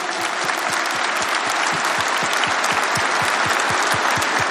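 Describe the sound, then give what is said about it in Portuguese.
A crowd claps steadily and loudly for several seconds, with dense overlapping handclaps forming a sustained burst of audience applause and no one speaking. “Pode aplaudir, um vinho novo.”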